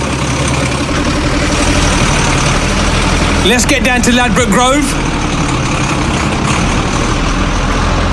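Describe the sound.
A heavy lorry carrying a sound system on its back is started up, and its engine idles with a steady, loud low rumble throughout, while a person speaks briefly over it near the middle.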